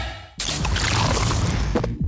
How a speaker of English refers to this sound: This is the sound of the new 500ml Castle Light can, turning life light side up.